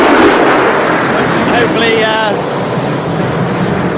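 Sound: aircraft flyover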